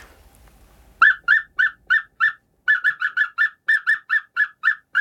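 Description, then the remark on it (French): A person whistles an imitation of an African cuckoo's call: a long run of short, bright, repeated notes, first spaced, then in a quicker steady series, clear with no talking. “Alors c'est un coucou africain qui fait une espèce de son...”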